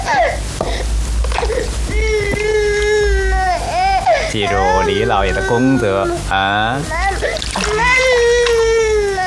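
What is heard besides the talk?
baby crying loudly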